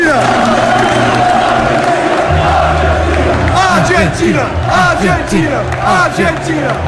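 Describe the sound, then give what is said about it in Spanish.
A massive football crowd at Old Trafford chants for Lisandro Martínez after a good match, a loud, continuous wall of voices holding long sung notes, with repeated rising shouts swelling through the chant from start to finish. “Tanto es así que no les importan los argentinos que cuando Lisandro Martínez tiene un buen partido en Old Trafford escuchás este grito.”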